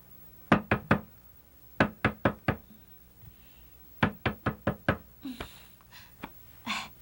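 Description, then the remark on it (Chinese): Loud knocking on a door in the middle of the night comes in quick bursts of three, four and five raps separated by short pauses, followed by a few softer knocks and faint breathy sounds. “有人在敲门呢。”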